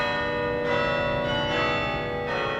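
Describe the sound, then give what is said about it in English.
Large campus bells at Yale in New Haven, Connecticut, ring out at lunchtime in steady, overlapping peals, their rich harmonic tones sustaining and blending, with fresh strikes swelling roughly every second; no voices are heard. “At Yale's campus in New Haven, Connecticut, the bells ring every lunchtime.”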